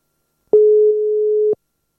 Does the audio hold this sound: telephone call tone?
yes